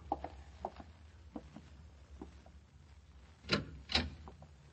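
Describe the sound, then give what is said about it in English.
A door is opened: a few light clicks and knocks, then two sharper clacks near the end, like a latch turning and the door swinging. Low rumble underneath, no voices. “I pulled myself together and went out and opened the door.”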